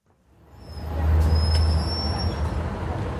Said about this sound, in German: München, Stammstrecke, 8 Uhr morgens. Es ist eng, heiß und laut.